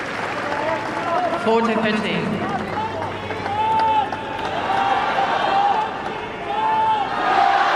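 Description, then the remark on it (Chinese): A large stadium crowd at Court Philippe-Chatrier cheers steadily throughout for Zheng Qinwen during her tennis match against Vekić, a dense wash of voices with chants swelling and rising in waves, loud and continuous. “我们也听到了在菲利普夏迪埃球场观众们给郑钦文的加油声。”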